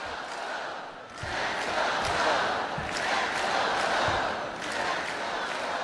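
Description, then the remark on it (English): A large Hawaii crowd chants and cheers in a steady, loud roar, serenading the players on the floor after Hawaii's Big West Championship win over Long Beach State. Voices blend into a rhythmic group chant with faint low thumps underneath. “The Hawaii crowd serenading the players on the floor.”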